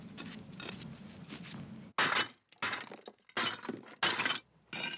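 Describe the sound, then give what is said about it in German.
Broken brick pieces clatter and clink as they are set down one after another to build a mini pyramid in a garden, a run of sharp knocks following a stretch of gritty shuffling. Nobody speaks. “Als kleines Extra baut Karin anschließend noch eine Mini-Pyramide aus zerbrochenen Ziegeln.”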